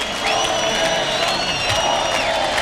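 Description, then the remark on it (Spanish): A bullring crowd roars in sustained ovation for bullfighter David de Miranda as he salutes in the centre of the ring, applause and cheering blending into a dense, steady wash of noise with shrill whistles cutting through, loud and continuous throughout. “Saluda en el centro del ruedo la ovación que le está... tributando el público, David de Miranda.”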